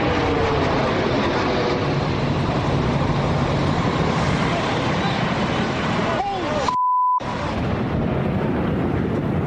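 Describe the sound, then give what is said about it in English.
American Airlines Flight 11 crashing into the North Tower of the World Trade Center in New York at 8:46 a.m.: a loud, continuous roaring rumble, briefly cut off by a short tone before the heavy roar resumes. “It sounded like a plane crash.”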